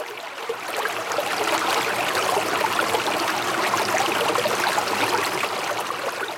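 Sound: flowing river water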